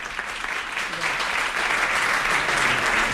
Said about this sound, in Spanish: Un segundo, un aplauso.